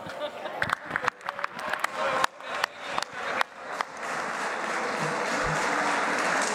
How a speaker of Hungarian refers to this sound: Önöket is, azokat is, akik most felállva tapsikolnak.